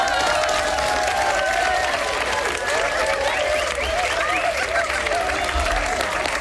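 Steady audience applause fills the whole stretch, a dense wash of many hands clapping at an even loudness, with faint cheering and crowd voices mixed in.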